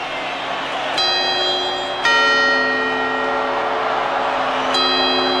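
Church bells in the Alpujarra town of Bérchules chime the quarters as the town welcomes the new year in summer, three distinct ringing strikes spaced a second or more apart, each leaving a long shimmering tone that rings on over a busy background hum of a crowd outdoors.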